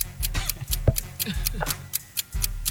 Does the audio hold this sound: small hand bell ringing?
no